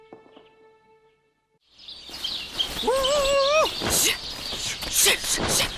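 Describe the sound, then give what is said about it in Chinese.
After a nearly silent opening, a dense flock of sparrows bursts into loud, busy chirping over an experimental rice field with ripening rice, with overlapping high tweets throughout and a brief vocal exclamation rising over the chatter. “哎呦，麻雀太多了！”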